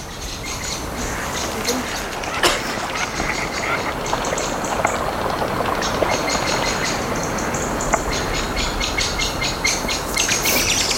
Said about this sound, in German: Oh, die Amsel.